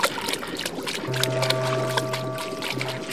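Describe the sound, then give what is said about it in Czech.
The dog Maxi Pes jumps into a river and splashes and paddles through the water, with a quick run of irregular splashes over a steady low motor-like hum; no voices. “Maxi Pes se místo odpovědi jenom ušklíbl a skočil do řeky.”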